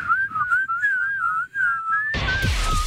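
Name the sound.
person whistling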